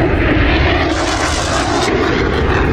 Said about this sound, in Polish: Ogromny ryk silników samolotów Sił Powietrznych Stanów Zjednoczonych, które w tej chwili dokonują przelotów nad amerykańską stolicą. To jest pozdrowienie dla wszystkich tych, którzy gromadzą się w tej chwili w okolicy monumentu Waszyngtona